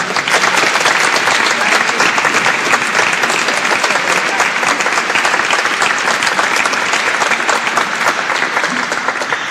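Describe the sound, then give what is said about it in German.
An audience applauds loudly and steadily as a professor is welcomed up to give her talk: a dense, continuous clatter of many hands clapping that holds at an even level for the whole stretch, with no voices rising above it. “komm zu uns und wir freuen uns riesig auf deinen Vortrag schon und einen großen Applaus.”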